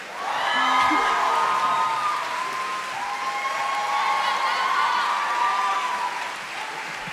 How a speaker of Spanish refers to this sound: Quiero pedir un fuerte aplauso para el invitado de esta canción.